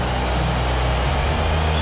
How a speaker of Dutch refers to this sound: Luister naar het boegeroep. In het hele stadion Spanjaarden en Argentijnen verenigd.